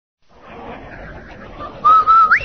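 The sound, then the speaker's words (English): A man whistles a short, loud Rinso jingle of a few sustained notes that rises sharply at the end, preceded by a low, rumbling background hum with no talking. “Hey, Andy, did you hear that man whistle?”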